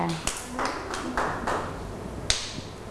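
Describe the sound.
Scattered, uneven hand claps from a small group of children, a handful of sharp slaps spread over a few seconds, with faint voices murmuring in the background.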